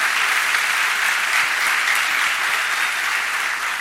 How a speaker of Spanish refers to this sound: Demos un fuerte aplauso a Él.